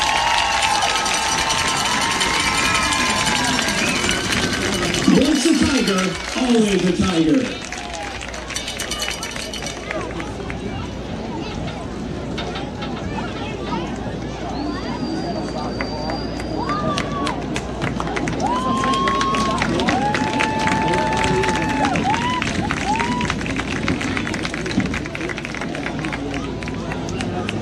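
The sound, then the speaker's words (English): A large crowd at Tiger Stadium applauds and cheers to welcome the coaches, players, cheerleaders and athletic trainers of the Commerce Tigers' 2001 state championship team. The clapping and shouts form a steady, roaring wash throughout, with an announcer's amplified voice briefly heard over it. “Please join us in giving these coaches, players, cheerleaders, and athletic trainers a big Tiger Stadium welcome and a well-deserved round of applause as we celebrate the team that brought home the 2001 State Championship.”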